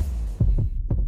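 A muffled heartbeat thumps in a steady lub-dub rhythm, two pairs of deep low beats over a constant dull hum, with no voices.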